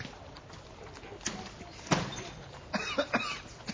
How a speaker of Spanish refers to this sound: Perdón, tengo un poquito de tos, pero ya se me va ¿sí? a pasar.